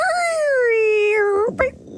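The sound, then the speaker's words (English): A person's voice imitates an elephant's trumpet in an animal-noise game: one long, loud, high-pitched tone that slowly slides downward in pitch, then ends with a short, abrupt burst. “This huge animal has a trunk, big ears, and is often seen spraying water. Make the noise.”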